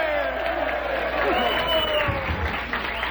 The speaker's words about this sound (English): Hey, give them a big cheer before they leave. Hey!